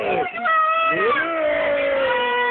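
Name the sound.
cat meowing and yowling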